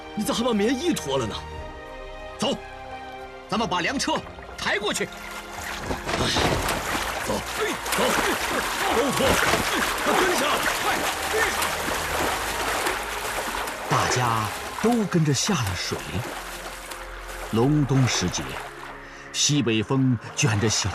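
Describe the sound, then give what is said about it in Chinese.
Several people splash and slosh through a cold river about 20 metres wide in midwinter, carrying grain carts across, a steady churning wash of movement with voices shouting and calling out over it throughout, with a northwest wind, light snow and thin ice floating on the river. “大家都跟着下了水。”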